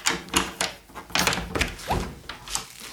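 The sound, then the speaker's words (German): A spare key rattles and turns in a door lock, unlocking the door, with a series of metallic clicks and thunks spread over a few seconds, ending in a small scrape. “Ich habe hier einen Ersatzschlüssel. Und mit dem schließe ich die Tür von hier aus auf.”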